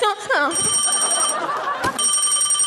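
A phone rings with a steady electronic tone, high bright partials sustained over a couple of seconds, with a brief break in the middle and faint voices underneath at the start.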